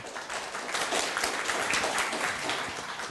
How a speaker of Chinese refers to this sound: 好，那我想借重各位的掌声哈，